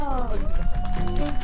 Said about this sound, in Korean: 아, 좋습니다. 큰 박수 주세요.